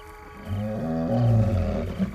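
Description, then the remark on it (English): A solitary male lion's low, rumbling grumble, fairly loud, a sustained deep growling vocalization lasting a couple of seconds with a rough, throaty texture and no roar; a short-range call. “Making a low, not a roar, but a low kind of grumbling sound.”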